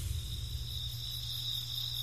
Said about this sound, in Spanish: Este es el sonido de la noche en medio de la selva maya, en el corazón de la península de Yucatán, México. Es mi primera noche aquí, en el campamento Yasché, en el estado de Campeche. Es un lugar bastante fresco, plenamente oscuro.